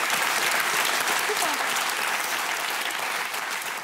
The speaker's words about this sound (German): Das ist toll, was Sie machen. Und wir klatschen für Sie, was Sie geschafft haben.